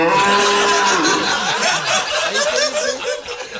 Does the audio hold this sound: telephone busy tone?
no